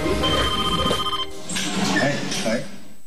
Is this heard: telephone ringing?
yes